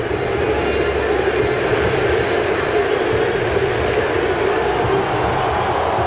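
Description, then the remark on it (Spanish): A huge stadium crowd of Moroccan supporters at a football match roars and cheers in an explosion of joy, a dense, unbroken wall of sound that stays loud and steady throughout, with no single voice standing out. “Explosión de júbilo.”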